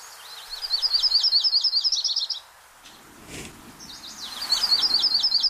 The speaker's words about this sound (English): There's your butterbutt warblers. Butterbutt, the fantastic other name for yellow-rumped warbler.